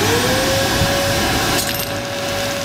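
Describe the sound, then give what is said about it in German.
A vacuum cleaner runs with a steady whirring hum, and partway through a small object rattles briefly as it gets sucked up; the motor keeps droning afterward. No one speaks. “Ich hätte gerade auch gedacht, das Ding ist, du hast das ja quasi aufgesaugt.”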